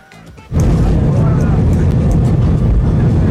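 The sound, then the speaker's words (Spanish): After a brief quiet start, a loud, dense wash of clapping and cheering erupts from a crowd of passengers aboard an airplane, giving footballer Gil Mora an ovation as he walks down the aisle, sustained over a low engine drone with voices mixed in. “Escuche usted cómo le aplaudieron a Morita en el avión.”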